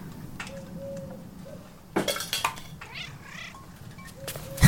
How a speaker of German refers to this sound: War nur eine streunende Katze.